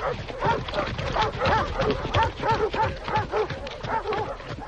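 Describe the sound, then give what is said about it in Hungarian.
A pack of hunting dogs, set running at the start of a hunt, barks and yelps excitedly, their overlapping calls forming a steady, chaotic chorus that continues throughout at moderate loudness, with no people talking. “Urak, futnak a kutyák, indulnak a hajtók.”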